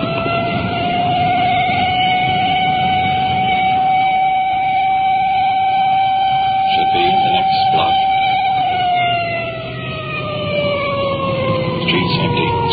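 A police car siren wails loudly, holding a long high tone before its pitch slowly sinks, with a low engine rumble and road noise underneath, as the police car approaches an intersection.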